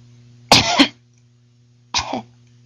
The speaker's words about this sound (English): In reply, she heard a deep but delicate cough.